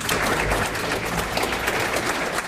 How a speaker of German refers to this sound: das war ein sehr wohltuendes Konzert. Herzlichen Dank, ein dicker Applaus.